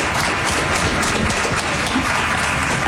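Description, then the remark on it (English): Steady, dense applause from an audience at a Seattle club event, many hands clapping at once in a continuous wash of sound, sustained and fairly loud for the full few seconds with no voices over it. “They're applauding for that.”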